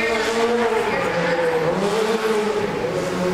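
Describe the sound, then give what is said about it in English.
A specially designed stunt hero car, driven by Pete Bonin, rolls onto a set with its tires squealing in a long, steady, high-pitched screech over a loud engine hum, sustained for the whole few seconds. “Again, folks, our special designed hero vehicle driven by the very talented Mr.”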